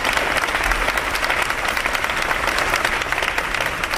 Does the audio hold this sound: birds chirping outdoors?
no